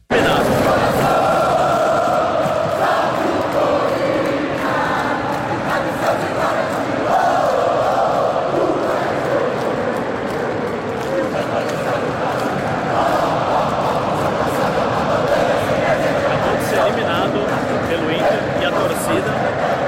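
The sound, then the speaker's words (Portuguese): A large crowd of Corinthians football fans sings together in a loud, steady roar that never lets up, applauding the players after the team's elimination, with scattered clapping mixed into the chanting throughout. “deixa eu só mostrar depois do jogo a imagem que eu fiz do torcedor cantando e aplaudindo os jogadores depois da desclassificação.”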